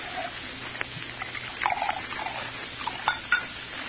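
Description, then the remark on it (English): Liquid trickles and splashes as bourbon is poured into a glass, with a few light clinks of glassware breaking through the steady pour. “Bourbon. You pour. I don't know when to stop.”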